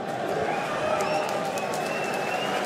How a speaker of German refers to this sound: Und ihr hört es vielleicht am Applaus. Es geht tatsächlich auf das Tor, hinter dem die Victoria-Fans stehen. Das finden die natürlich sehr gut.